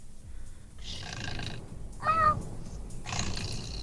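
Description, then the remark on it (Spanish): A voice imitates a kitten purring: a few breathy, rumbling bursts with a short, higher wavering cry in the middle, over a steady low murmur. “Es el gatito y su ronrone.”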